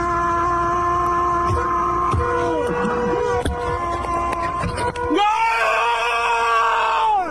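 A man standing on top of a car screams in loud, drawn-out celebration of a football goal, holding long wavering notes that swell even louder toward the end, with a second voice seeming to join in.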